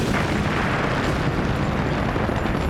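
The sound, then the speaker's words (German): A bomb explosion: a loud, continuous roaring blast with deep rumble and crackling noise that holds steady for a few seconds, with no voices. “Müsste die Bombe nicht mal langsam explodieren?”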